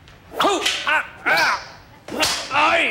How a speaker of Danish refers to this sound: Og Frank kommer til ved et uheld at piske hende.